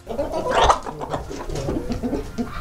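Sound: hen clucking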